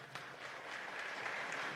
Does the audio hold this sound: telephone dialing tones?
no